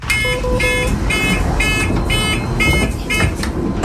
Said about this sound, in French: Mais c'est aussi une question à poser. Pourquoi, effectivement, ce bip sonore, est-ce que ça pourrait un peu se régler?